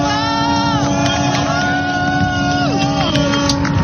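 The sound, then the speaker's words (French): Many boat horns blare together in a loud, continuous chorus of overlapping sustained tones, some sliding downward in pitch, over steady engine rumble and crowd noise, as boats salute Charlie Dalin crossing the Vendée Globe finish line while smoke flares are lit. “Tous les bateaux qui sont en train de saluer et les fumigènes qui sont en train d'être allumés juste à côté de moi pour saluer l'arrivée de Charlie Dalin en direct.”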